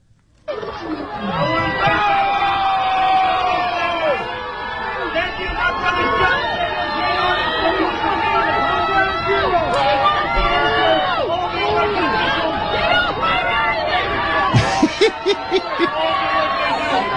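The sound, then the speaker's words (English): A large crowd of NYPD members on Staten Island boos the sitting mayor of New York off the stage, many voices overlapping in a sustained jeering roar, with scattered shouts and a few sharp bursts near the end. “including members of the NYPD booing the sitting mayor of New York off the stage as he smiled through the whole thing, of course, because that's what he does.”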